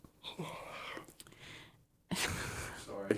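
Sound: loud yawn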